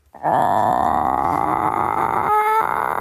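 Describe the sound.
A person imitates the drawn-out call chickens make when meeting someone new, a friendly, curious greeting: one long, steady, nasal tone of about three seconds, fairly loud, with a short wavering shift in pitch at the end.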